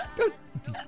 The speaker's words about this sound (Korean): 우리 딸꾹질하는 소리가 매력적이죠. 네, 진짜로.